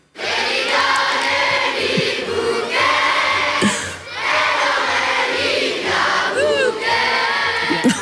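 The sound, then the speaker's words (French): About 700 Namur schoolchildren sing Li Bia Bouquet together on the Place d'Armes in Namur during the Fêtes de Wallonie, in loud, continuous unison, their voices bright and a bit shouty, with a brief pause between phrases partway through. “vous faire entendre donc ce qui se passait hier midi sur la place, encore une fois la place d'armes à Namur, avec toute cette jeunesse représentée, ces 700 élèves d'école namuroise qui reprennent Libia Bouquet en chœur.”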